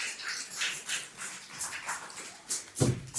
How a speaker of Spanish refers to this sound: Me viene muy bien lo del aplauso para volver a mi sitio.